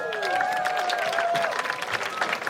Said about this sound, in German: Einen Applaus.